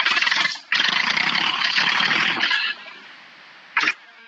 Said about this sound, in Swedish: Men jag vet inte om det hörs i radio, men jag ska starta traktorn, för jag sitter nu.